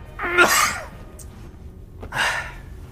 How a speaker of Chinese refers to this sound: 臭毛病。我一紧张我就想咳嗽。